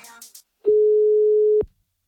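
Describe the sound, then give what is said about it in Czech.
A steady telephone ringing tone sounds once as a call is dialed, a clear, loud beep lasting about a second, preceded by a brief fragment of voice and followed by silence. “Vytáčím.”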